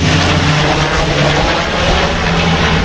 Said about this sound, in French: Vu que la direction du vent vient par ici, voilà le Canadair.